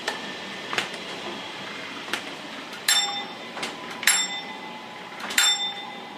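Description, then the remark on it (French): A mill machine's alarm rings out in three short, bright, high-pitched bursts, signalling that the mill is not running fast enough, over a steady mechanical rumble punctuated by regular sharp knocks. “Bon, là, vous allez entendre la sonnerie, parce qu'il va me dire que ça va pas assez vite.”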